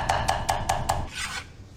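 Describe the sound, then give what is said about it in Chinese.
A knife chops rapidly on a cutting board, mincing garlic and ginger (20 grams each): five quick, evenly spaced knocks followed by a brief scraping sweep, fairly loud with no talking. “准备大蒜和生姜各20克，剁碎备用。”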